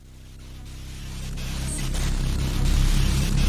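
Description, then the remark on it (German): Steady static hiss swells up gradually as a song begins, with low sustained musical tones slowly emerging from the noise and growing louder, no voices. “Kommt da ganz langsam im Rauschen.”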